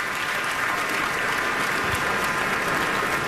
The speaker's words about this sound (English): Audience still on their feet, clapping. What looks like to be a sold-out performance here at Town Hall Seattle.